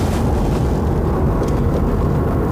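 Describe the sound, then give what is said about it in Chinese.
A loud, steady airplane engine roar rumbles without pause, deep and broad, with no voices over it, as if a jet is idling or taxiing at an airport in heavy fog. “这么大雾，这飞机还能准时起飞吗？”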